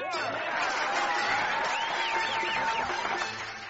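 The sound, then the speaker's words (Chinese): Guests and an audience at a wedding venue clap steadily for several seconds, welcoming a human-pyramid act, in a dense, continuous wash of applause, with whistles and cheering voices mixed in, before the clapping begins to fade at the end. “坐在来宾和观众们用力的鼓掌时”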